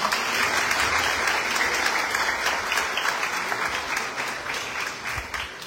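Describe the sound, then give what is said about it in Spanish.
An audience applauds a deacon on his anniversary, dense clapping filling the whole clip at a fairly loud, even level before tapering slightly toward the end. “Un aplauso para él.”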